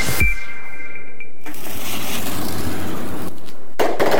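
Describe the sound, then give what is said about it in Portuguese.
A firework whistles upward for about a second, then bursts into a long stretch of loud crackling and hiss, with another sharp explosive bang near the end. No voices. “E foi ouvindo os catarinenses que a Alesc aprovou a lei que proíbe a venda e queima de fogos de artifício com barulho em todo o estado.”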